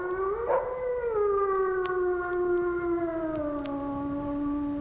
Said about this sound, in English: The howl. That eerie wail that is by far the most significant call of all animals. The howl. The disembodied sound that gives shape to so much of our terror. One after another, never on the same note, never for the same length of time.